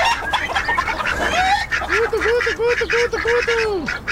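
Several hens cluck and cackle together, with a run of quick warbling calls rising and falling in a steady rhythm over a busy background of overlapping flock sounds.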